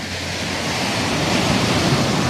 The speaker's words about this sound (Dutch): Het geluid van een branding.